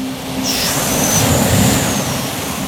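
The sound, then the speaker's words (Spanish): A voice imitates a big sea wave going to one side, as a warm-up for learning a song, with a long, loud, breathy whoosh that holds steady for a couple of seconds, carrying a faint whistling edge through the middle. “Primero vamos a hacer una ola de mar grandota para un lado.”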